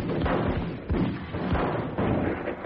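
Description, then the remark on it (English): A rapid series of muffled gunshots fired at a telephone, about four heavy bangs spaced roughly half a second apart, dull and boomy over a continuous noisy background with no talking. “Yeah, I'm going to get me a gun. I'm going to blow this phone away.”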